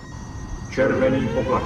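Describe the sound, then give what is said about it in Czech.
A red alert alarm aboard a ship, warning that the systems are collapsing, cuts in partway through: steady electronic tones with a faint rising whine above them, sounding over a dense, rumbling background. “Červený poplach, routí se systém, routí se systém.”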